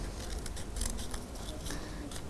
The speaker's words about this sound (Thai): มันเป็นกระดาษแข็งนะคะกระดาษค่อนข้างมีความแข็งดังนั้นมันอาจจะกระเด็นแบบนี้ได้ค่อยๆตัด